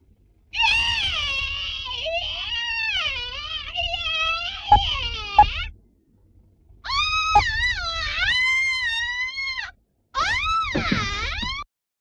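A man screams for a shower scene, take 29, in three long, wailing bursts, the first the longest, each high-pitched and strained with a wavering, sliding tone, separated by short silences.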